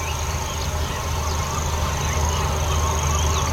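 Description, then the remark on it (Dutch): A dense morning chorus on Schiermonnikoog of black-headed gulls, oystercatchers, barn swallows and house swallows calling over one another, harsh cries and sharp piping notes overlapping continuously, with the constant trill of a grasshopper warbler in the distance and a steady low background rumble. “En de boerenzwaluwen, huiszwaluwen, scholeksters. De lachende meeuwen.”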